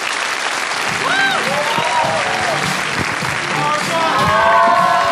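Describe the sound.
An audience claps loudly and steadily for the whole five seconds, a dense wash of hands that never lets up. Voices and a few shouts rise over the applause at moments.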